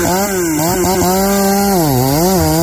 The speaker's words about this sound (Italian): Mandi la motosega e cascano l'alberi.